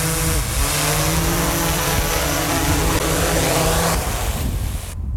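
A drone's motors whir loudly and steadily as it descends, a broad buzzing hum with shifting tones that cuts off abruptly at the end. No one speaks.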